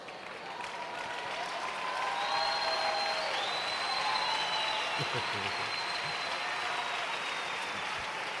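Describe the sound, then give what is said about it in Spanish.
An audience claps steadily for about eight seconds, a dense, even wash of applause that holds at full strength throughout, with faint voices and cheers mixed underneath. “El aplauso es para Él, porque tú estás aceptando el desafío, estás entendiendo”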